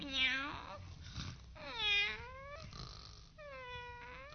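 A cat meows three times, each cry long and drawn out with a rising-then-falling pitch, spaced about a second apart, moderately loud with no talking.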